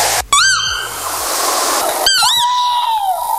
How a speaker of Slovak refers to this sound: No a na opačnom konci sa nachádza sova, plamienka, čiže tento vtáčí spev skôr tak píli uši.